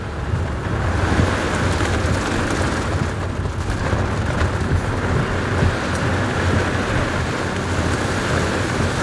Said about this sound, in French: Bon, on est vraiment au cœur de l'orage. Hein. Ouais. Là, il y a la pluie, le vent, les éclairs. Là, on voit plus rien. Hein. On voit plus... Non. En plus, t'as des coups de foudre qui tombent devant.